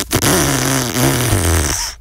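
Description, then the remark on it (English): A loud, sustained fart-like sputter lasting about two seconds, with a low buzzing, wavering pitch that dips and rises before cutting off abruptly, used as a stand-in for a rough car exhaust. “That was supposed to be a car with a crook exhaust, but we couldn't find the right sound effect.”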